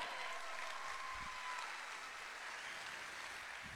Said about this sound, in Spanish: Yo quiero saludar a la agrupación folclórica cultural, social, raíces latinoamericanas, Arrayán de Tomé. A ver, démosle un aplauso de ánimo.